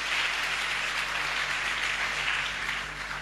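An audience at a church service celebrating the Annunciation of the Lord claps together in a steady, dense roar of applause that stays even and continuous for the whole stretch, with no voices cutting through.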